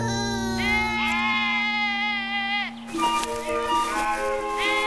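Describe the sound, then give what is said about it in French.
Sheep and goats bleat in long, quavering cries, one wavering call held for a couple of seconds before a second burst of overlapping bleats follows, loud over a low steady hum. “Paris grandit, il garde les moutons, les chèvres.”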